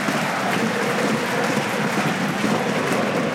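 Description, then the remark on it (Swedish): AIK football supporters, jumping and bouncing, cheer and applaud in a stadium during an Allsvenskan match against Västerås, in a steady, dense roar of clapping and voices that holds at an even loudness throughout, with no single voice standing out. “Framför de nu hoppande, studsande, applåderande supportrarna AIK som kan njuta av att ha ett fotbollslag som inte har förlorat på ett antal veckor och som har klättrat och klättrat i den allsvenska tabellen.”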